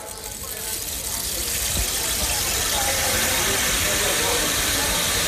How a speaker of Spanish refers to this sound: Por ejemplo, pensemos en las máquinas de lluvia, lo que se llama el palo de lluvia.